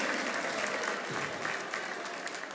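Steady, dense applause from an audience, a continuous wash of many hands clapping at once without pause, fairly loud and sustained throughout.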